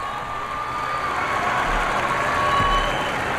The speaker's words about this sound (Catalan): Ara veiem els Reis d'Espanya, escoltem el públic també fent vítores al Papa.